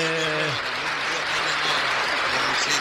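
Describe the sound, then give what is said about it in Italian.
A burst of audience applause for a guest's sister fills the space, dense and steady for a few seconds, with a voice briefly audible at the start before the clapping takes over. “Un applauso alla sorella che si chiama?”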